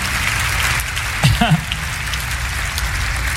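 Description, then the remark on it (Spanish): An audience applauds God in a dense, steady wash of clapping that holds evenly throughout, with a brief voice calling out over it midway. “Denle un aplauso al Señor de señores y al Rey de reyes por ese toque divino.”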